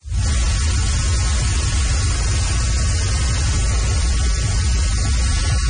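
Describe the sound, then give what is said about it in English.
A dense, steady rushing hum and buzz from the wings of millions of monarch butterflies in Mexico's Monarch Butterfly Biosphere Reserve, like a waterfall, filling the whole clip at an even, loud level with no voices. “It is actually the hum and the buzz of millions of monarch butterflies in Mexico's Monarch Butterfly Biosphere Reserve.”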